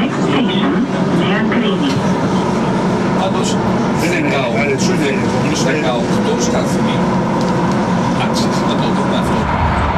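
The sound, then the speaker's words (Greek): A Thessaloniki Metro train on the new extension towards Kalamaria, running from Nomarchia station toward Mikra station with Greek Prime Minister Kyriakos Mitsotakis aboard, rumbles steadily along the track with a continuous loud hum and faint rattling, while a crowd of people chatter throughout. “Ο Πρωθυπουργός φτάνει στο σταθμό νομαρχία του μετρό Θεσσαλονίκης που αποτελεί έναν από τους νέους σταθμούς της επέκτασης προς Καλαμαριά και επιβιβάζεται σε σειρμό με προορισμό τον σταθμό Μίκρα.”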